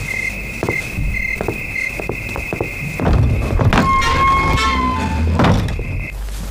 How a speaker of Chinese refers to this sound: 哎呀，敲门声就进来了，吓我一跳。